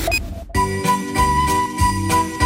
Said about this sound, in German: Jingle Bells? Jetzt schon?